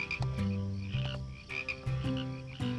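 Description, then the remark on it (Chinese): A loud chorus of frogs croaking in a ditch, deep throaty calls overlapping and repeating in uneven bursts every half second or so, with no voices. “到底是青蛙吵你，还是你吵人家？”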